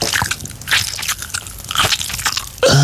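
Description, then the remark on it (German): Dry, crackly crunching as a peppermint tea bag is bitten and chewed in several loud bursts, ending with a short, low voiced grunt. “Pfefferminzteebeutel naschen?”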